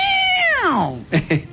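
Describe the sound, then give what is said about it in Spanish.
A voice imitates the pained yowl of a cat whose tail has been stepped on: one loud, drawn-out cry that starts high and slides steeply downward, followed by two short, sharp vocal bursts. “La clásica pisada de cola del gato hace.”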